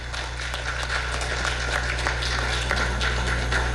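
An audience applauds three women at a Hindu gathering, many hands clapping in a dense, continuous patter at a fairly loud, even level, with no voices over it and a low constant hum underneath.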